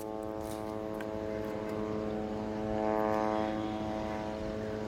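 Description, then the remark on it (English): A steady, continuous buzzing hum of military drones in the sky over the Gaza Strip, droning without pause and swelling slightly louder midway before easing back. No voices are heard. “The drones buzzing in the sky are continuous, and the attacks against the Palestinians in the Gaza Strip continue.”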